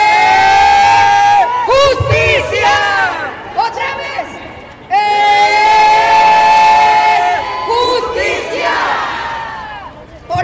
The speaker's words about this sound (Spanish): Les voy a pedir que hagan un ejercicio. Van a levantar sus manos. Van a levantar sus manos como le hacen en los juegos de fútbol y que gritan ¡eh!